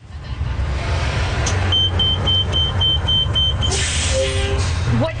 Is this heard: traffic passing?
yes